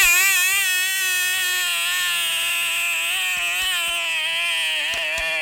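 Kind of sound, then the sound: insect, mosquito buzzing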